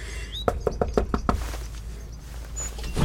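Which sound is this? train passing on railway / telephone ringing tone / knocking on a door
knocking on a door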